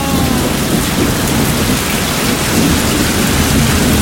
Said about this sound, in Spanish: Está lloviendo.